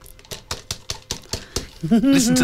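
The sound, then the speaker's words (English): About eight quick, bright taps on the crystal lid of a small jar whose lid reads "I love my pet. All dogs, no rawhide," in an uneven rhythm, each with a short ring, followed by a voice starting to speak. “Listen to the quality of the crystal.”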